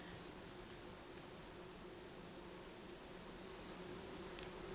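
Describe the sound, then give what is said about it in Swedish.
A steady, faint drone of bumblebees humming continuously in a forest on a hillside in Dalarna, Sweden, in warm weather, blending into a soft outdoor hiss with no voices. “Och så när vi kom ner så är det ju humlorna, det är ett surr.”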